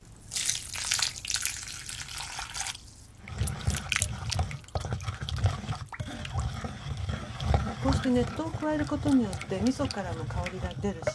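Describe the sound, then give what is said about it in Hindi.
Hot water, part of 500 ml added in two parts, pours steadily into a mixture of sesame seeds, fish and miso paste for about three seconds, a hissing splash, then stops as a person begins talking over faint kitchen clatter. “इस मिश्रण में 500 मिलीलीटर गर्म पानी 2 भागों में डालिए। सारा पानी डालने के बाद मिश्रण को अच्छी तरह मिला लीजिए।”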